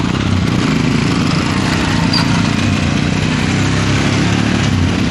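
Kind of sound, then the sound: vehicle, motorcycle engines starting one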